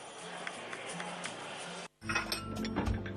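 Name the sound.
glasses clinking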